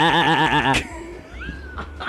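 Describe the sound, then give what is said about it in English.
A person imitates a sheep's bleat with a loud, nasal, quavering "baa" lasting under a second, then fades into quieter background murmurs. “Well, I thought my sheep was pretty good.”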